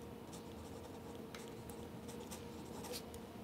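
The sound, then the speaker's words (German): A pen scratches across starch surface-treated paper in short, quick, fairly soft strokes, over a steady low background hum with no one talking. “Ein oberflächenbehandeltes, mit Stärke oberflächenbehandeltes Papier.”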